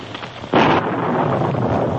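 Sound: thunder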